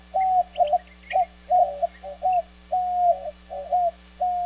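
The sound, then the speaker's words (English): A white-winged dove coos steadily from atop a saguaro cactus on a morning in southern Arizona, a clear series of hooting notes in a rhythmic phrase, with faint chirps of other birds in the background and a low steady hum underneath. “It's morning in southern Arizona, and a white-winged dove coos from atop a saguaro cactus.”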